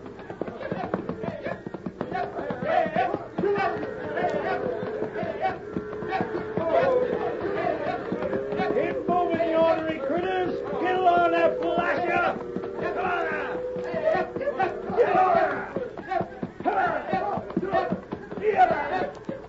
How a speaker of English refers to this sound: Our story opens shortly after sunrise. The trail crew, under the watchful eyes of Walt Benson, their leader, is busy getting the reluctant herd underway.